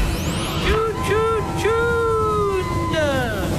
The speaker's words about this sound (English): Why is there so much traffic? Always traffic.